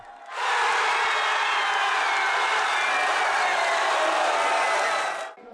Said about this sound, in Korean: 손에 태극기를 들고 축구대표팀 유니폼을 입은 학생들이 대학교 강당에 모였습니다. 숨죽이며 경기를 지켜보던 순간 득점 장면이 나오자 환호성이 터져나옵니다.